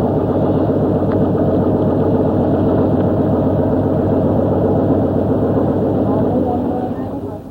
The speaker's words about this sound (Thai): ชาวประมงหลายคนละทิ้งเครื่องมือประมงเก่าๆแล้วหันมาใช้อุปกรณ์ที่ทันสมัยมากขึ้นเรือลำเล็กที่ติดเครื่องยนต์ขนาด30แรงม้าถูกนำมาใช้แทนแรงงานคน